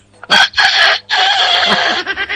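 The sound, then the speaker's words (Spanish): A human voice, an animal imitator, imitates a rooster's crow: two short rising bursts followed by a long drawn-out cry that wavers at the end, loud, with no other sounds around it. “El gallo. A ver.”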